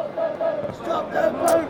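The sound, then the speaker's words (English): A protest crowd chants the Reform slogan "Stop the Boats" in unison, loud rhythmic voices rising and falling in repeated phrases, filling the space with a steady collective roar. “The crowd could be heard chanting "Stop the Boats," a reform slogan in the background.”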